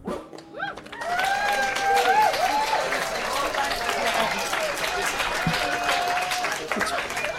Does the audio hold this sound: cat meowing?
no